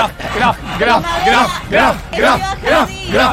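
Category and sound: crowd, people shouting loudly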